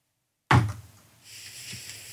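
A single loud, sharp knock breaks the silence and rings out briefly, followed by a faint steady high-pitched hum and a softer low tap.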